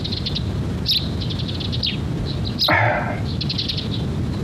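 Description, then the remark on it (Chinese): Two small birds chirp softly back and forth in quick, repeated high tweets, with one brief sweeping call midway, set against a faint background hiss and no voices. “两只鸟在说悄悄话呢。”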